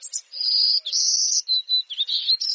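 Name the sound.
golden-cheeked warbler buzzy song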